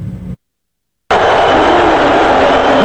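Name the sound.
arena crowd booing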